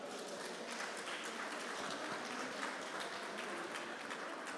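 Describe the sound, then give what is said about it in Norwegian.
Sustained applause from an audience for the mayor, Bjarni Johansen, a dense crackle of many hands clapping at a steady level throughout, with no voices over it. “Gjevet ham en størst klapp.”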